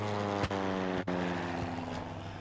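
A steady, loud droning hum of a propeller airplane engine in flight, constant and even throughout, broken only by two brief faint clicks.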